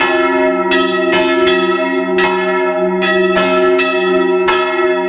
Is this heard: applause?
no